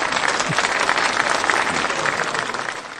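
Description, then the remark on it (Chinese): Students in a classroom clap for themselves at the end of a lesson, in steady, dense applause that stays fairly loud and even for a few seconds. “我们为自己鼓鼓掌吧，好不好？”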